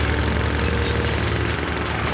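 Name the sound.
loud power tool noise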